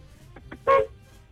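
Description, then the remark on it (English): A single short car horn beep in a car line drop-off, loud and steady in pitch, lasting about a fifth of a second, preceded by a couple of faint murmurs over low background rumble. “Oh, you should beep and see if everyone else does.”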